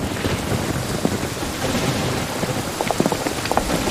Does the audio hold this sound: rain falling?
yes